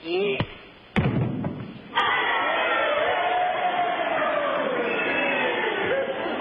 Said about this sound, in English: This is the way the crowd wanted it to end. You heard them cheering, didn't you?